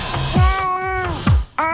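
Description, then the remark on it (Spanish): A cat, Gato Ñao, meows loudly, two or three drawn-out, whiny cries in quick succession with a few low thumps between them and no talking. “Ya si tienen algo para comer, dice el gato ñao, que le traigan mañana.”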